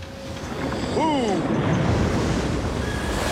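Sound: ocean waves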